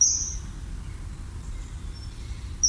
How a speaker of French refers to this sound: Et puis évidemment, un oiseau qui est omniprésent, c'est le martin pêcheur qu'on voit passer régulièrement devant nous en poussant son cri strident.